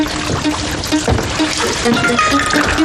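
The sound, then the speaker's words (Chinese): Tap water runs steadily into an old mug, a continuous hissing splash with faint ringing tones, lasting the whole few seconds and staying fairly loud throughout. “屋里有凉开水，你接了水去买个脸盆，动作要快，不要让其他人看到。”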